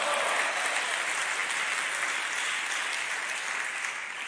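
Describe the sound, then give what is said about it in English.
An audience claps hands together in a dense, steady wash of applause, many overlapping claps blending into a bright, continuous crackle that fades slightly toward the end, with no voices standing out. “Clap your hands, everybody, and say, praise the Lord in here.”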